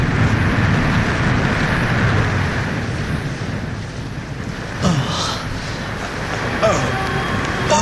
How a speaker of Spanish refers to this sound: Un gemido humano rompe la monotonía del ruido de las olas, golpeando el fuselaje medio destruido del avión.